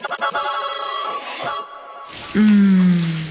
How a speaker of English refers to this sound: Shower time.